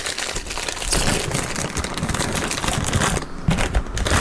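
Steady crinkling and rustling of a crisp packet being pulled open, a busy papery crackle that runs for several seconds with no voices.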